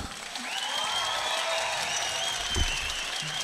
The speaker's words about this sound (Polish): Brawa, zasłużone brawa dla Wiewióra.